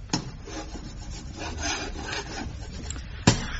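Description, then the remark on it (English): Chalk scrapes across a blackboard in a run of gritty, rasping strokes as Captain Mannering puts the final touches to a diagram, a new battle plan, in the novelty rock emporium on the sea front at Warmington-on-Sea, opening with a sharp tap and ending with another crisp knock; no one speaks. “This evening, he is busy putting the final touches to a diagram on the blackboard.”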